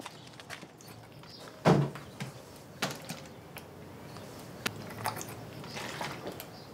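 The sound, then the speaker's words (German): A man swallows a temperature capsule: a few soft wet clicks and squishes, one louder gulp near the start, then quieter mouth and throat sounds, with no talking. “Wir lassen … unsere Temperaturkapsel schlucken.”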